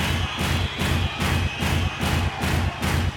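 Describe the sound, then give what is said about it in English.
A crowd, hands raised, claps loudly on command in a steady, unison rhythm, about eight beats at an even pace, with heavy low thumps from stamping right feet landing on each beat. No voices are heard. “That's how it should sound like. Keep your hands up. Go ahead. Keep clapping.”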